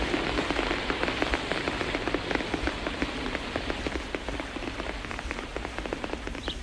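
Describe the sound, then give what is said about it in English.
Steady rain pours down and patters on a leaf overhead, with many sharp little drops tapping in a dense, irregular rhythm over a soft constant wash of falling water. “He can hear it pattering on the leaf above his head.”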